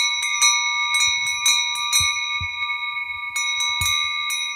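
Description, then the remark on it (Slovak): Several small metal sheep bells clang and jingle together in an irregular, overlapping jangle: duller, tinnier sheet-metal bells worn by large sheep and finer-sounding, more ringing cast bells worn by lambs, steady throughout with no voices. “Tie plechové zvonce nosili veľké ovečky a malé liatovce, čiže liaté zvonce, s jemnejším zvukom dávali na krk jahniatkám.”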